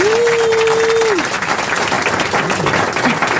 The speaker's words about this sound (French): J'ai cru que le public sifflait … parce qu'il connaissait pas Ribéry.